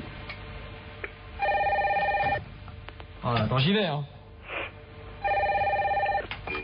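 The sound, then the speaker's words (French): A telephone rings twice in steady electronic trilling bursts, loud, with a person speaking briefly between the rings. “Ah, 2 secondes, téléphone.”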